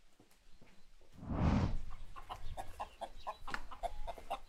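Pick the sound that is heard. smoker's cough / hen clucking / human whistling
hen clucking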